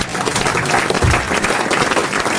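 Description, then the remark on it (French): A studio audience applauds steadily and fairly loudly, a dense wash of many hands clapping that holds at an even level throughout, with no voices standing out. “Ne m'applaudissez pas, comme disait Isabelle Mergaud, c'est mon métier.”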